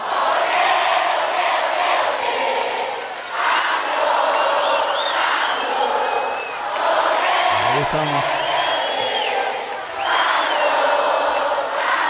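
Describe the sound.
A large crowd cheers and shouts loudly and continuously in welcome, in big swelling waves, with whistles and whoops rising above the roar, while a voice briefly speaks amid the noise.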